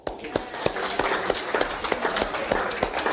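A small group claps in a quick, uneven patter of sharp, bright claps that runs steadily for a few seconds at a moderate level.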